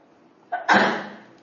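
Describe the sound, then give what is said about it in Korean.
A single fairly loud sneeze: a brief sharp intake followed by a burst of breathy noise that fades over about half a second, with no talking. “재채기하면서.”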